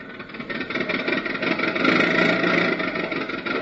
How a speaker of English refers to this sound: So we find him all dressed up with his three nephews in his car, barreling merrily down the highway.